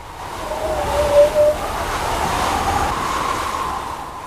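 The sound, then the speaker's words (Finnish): Wind whistles through a telephone wire: a thin, steady mid-pitched tone hums over a constant airy rush, swelling briefly into two brighter whistles before settling back to a droning whine. “Jopa niinkin ohut este kuin puhelinlanka riittää.”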